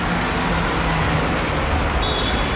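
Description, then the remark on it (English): Steady roadside traffic noise at a bus stop on a busy street, a broad continuous rumble of passing vehicles with engine drone; a faint high whine appears briefly near the end. “And it happens to take place at a bus stop.”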